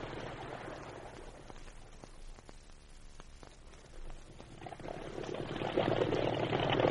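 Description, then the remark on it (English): A motorboat engine roars steadily at full throttle on a river with rapids, a dense rumbling drone with faint rattling clicks, growing louder and rougher toward the end as it surges ahead. No voices. “Full throttle now.”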